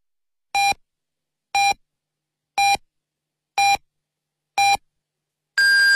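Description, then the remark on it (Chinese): Hourly time signal of the Lishui Radio and Television Station general broadcast marking 18:00 Beijing time: five short, evenly spaced electronic beeps one second apart, then a longer, higher-pitched final tone marking the hour, clear with no voices. “北京时间18点整，丽水广播电视台综合广播为您准确报时。”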